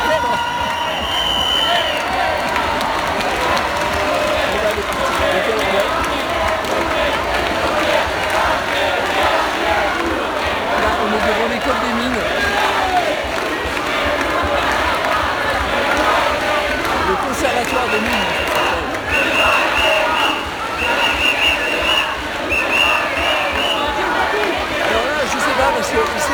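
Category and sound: crowd, crowd applauding and cheering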